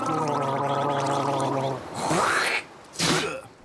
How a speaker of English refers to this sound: Quick, everyone, gargle with salt water.